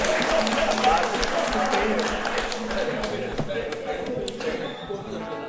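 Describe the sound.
A crowd applauds with dense, steady clapping and a few sharper individual claps, fairly loud throughout and easing slightly toward the end, with voices murmuring underneath.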